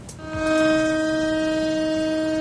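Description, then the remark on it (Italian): A memorial siren in Israel sounds a single loud, sustained tone at a steady, unchanging pitch, rising in quickly and holding on without pause, with no voices over it, marking a minute of silence on 7 October for the 1,200 victims of the attacks three years earlier. “Una sirena, un minuto di silenzio, l'intero paese si è fermato.”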